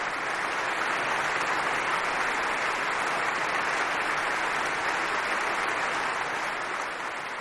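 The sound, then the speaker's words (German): Sustained applause from a large audience in the great hall of the Philharmonie Berlin at Musikfest Berlin, after an encore by Le Concert des Nations under Jordi Savall. A steady, dense wash of clapping holds at full strength for several seconds before easing slightly at the end. “Auch ja nach dieser Zugabe war das Publikum im großen Saal der Philharmonie Berlin noch nicht gänzlich zufrieden.”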